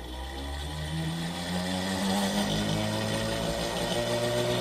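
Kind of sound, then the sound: machine, tesla coil running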